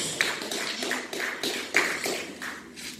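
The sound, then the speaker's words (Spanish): An audience applauds in praise of the Lord, many hands clapping together in a dense, steady patter for a few seconds, with a few sharper claps standing out and no voices on top. “Denle un aplauso de alabanza al Señor.”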